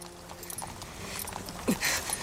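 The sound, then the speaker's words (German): Faint, somewhat uneven clip-clop of riderless horses' hooves at a moderate pace against a soft background, with a brief louder knock near the end. “Wir beeilten uns, vorwärts zu kommen, wobei uns teilweise auch herrenlose Pferde nützlich waren.”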